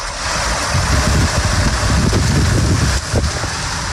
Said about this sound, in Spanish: Así caía el granizo en la zona de Lardal, en Mula, Murcia.